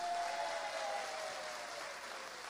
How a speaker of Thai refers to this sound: แล้วก็ขอเสียงปรบมือให้กับกรมประชาสัมพันธ์ของเรานะครับ